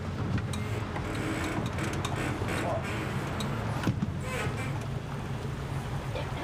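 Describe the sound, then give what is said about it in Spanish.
A motorboat engine drones steadily, its low rumble constant throughout, with wind and splashing water washing over it; a tourist boat holding 12 people, steered by a woman, on Lake Vicas, a reservoir in Romania. “Las lanchas a motor se consideran asunto de hombres.”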